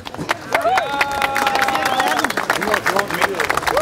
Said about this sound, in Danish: vi er i hvert fald vi er over en Danmarks rekord. Kan vi få en klapsalve her?